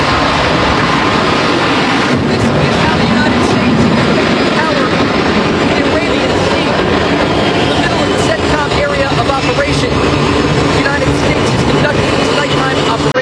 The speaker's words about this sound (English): It's the middle of the night aboard the USS George Washington as the noisy flight deck is preparing to launch fighter jets into the dark abyss. The explosion of energy shakes the floating ground as an F-A-18 Super Hornet soars into the sky.